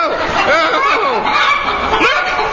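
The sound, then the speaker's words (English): Several people imitate chickens, producing a loud, continuous jumble of warbling clucks and squawks that overlap for a couple of seconds. “A patrol of Germans disguised as chickens.”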